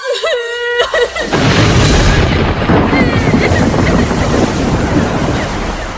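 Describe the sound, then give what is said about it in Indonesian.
A short high, wavering cry opens, then violent ocean waves surge in, rolling and crashing against two ships with a loud, continuous roar and crash that churns steadily to the end with no letup. “Ombak semakin ganas menggulung kedua kapal itu.”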